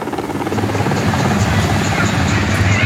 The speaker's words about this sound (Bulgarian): На място малко по-късно пристигна повикания на помощ военен хеликоптер «Кугър».